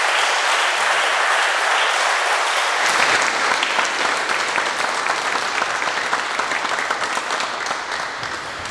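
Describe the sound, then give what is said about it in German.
An audience claps steadily, a dense wash of many hands that swells after the first few seconds and holds at a strong, even level before easing slightly at the end, applauding a person who has taken on a role in the ACK. “Und ich denke, es ist ein kleiner Applaus wert, dass es Menschen unter uns gibt.”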